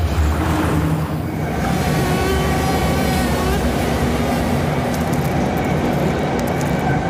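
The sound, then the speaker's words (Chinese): A subway train carriage rumbles along at a steady, loud roar, with a low droning motor hum and faint high metallic whines from the wheels, continuous with no one talking. “而地铁车厢正是蚊子寻找吸血目标的绝佳环境。”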